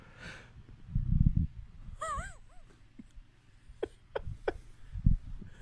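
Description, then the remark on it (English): A squeaky yawn rises and falls in a brief whining arc, surrounded by soft low thumps and rustling, with no one talking. “Got a little yawn in there.”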